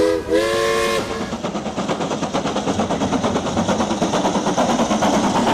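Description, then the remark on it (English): An Isle of Man Railways steam train's whistle sounds briefly on the Isle of Man, then rhythmic chuffing builds as the locomotive pulls away, loud, with a steady beat of exhaust puffs and no voices. “All aboard Isle of Man Railways time train.”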